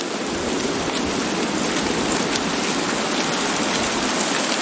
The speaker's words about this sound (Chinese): 丛林间的活动似乎暂时停了下来，倾盆大雨令这里的动物冷静下来，它们被困于暴雨之中。